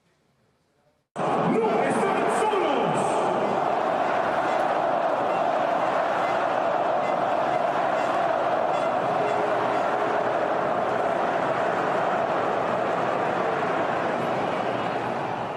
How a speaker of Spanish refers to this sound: Previo al silbatazo inicial en la cancha del Estadio Ciudad de México, aficionados gritaron: "No están solos".